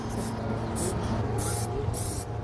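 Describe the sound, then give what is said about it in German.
Four short hissing bursts from a spray paint can, each lasting a fraction of a second with brief pauses between, over a steady low background hum, as a young man on scaffolding sprays part of a large anniversary mural onto a gym wall at a youth village in Knutwil, Lucerne, Switzerland. “steht im schwarzen Kapuzenpullover auf einem Baugerüst, in der Hand eine Spraydose. Doch was er an die Turnhalle sprayt, ist kein hastig hingeschmiertes illegales Graffiti mitten in der Nacht, sondern Teil eines großen Jubiläumswandbilds für das”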